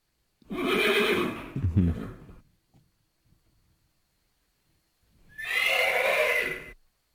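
A horse whinnies loudly twice, a long shrill neigh with a snorting tail, then a pause before a second bright, wavering whinny. No voices are heard.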